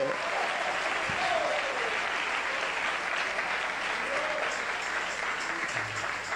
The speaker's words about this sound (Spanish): Denle unas palmas a Él en esta noche.